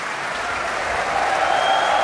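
Steady applause from a large audience for the Groot Omroepkoor choir after singing Brahms's German Requiem, with the Radio Philharmonisch Orkest also applauding with their bows; a dense wash of clapping that holds loud and even and swells slightly toward the end, with no voices standing out.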